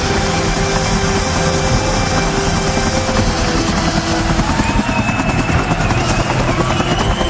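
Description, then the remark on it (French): A helicopter roars steadily and loudly as it arrives at a stadium, its rotor blades beating in a fast, pulsing chop with a droning engine whine throughout, as if hovering or passing low overhead. “se vengera dès le lendemain 5 septembre en arrivant sur le stade en hélicoptère.”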